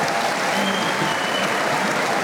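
Steady, dense applause from an audience fills the whole moment, a continuous wash of many hands clapping with no pauses.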